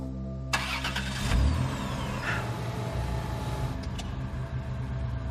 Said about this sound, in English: The car just started. How?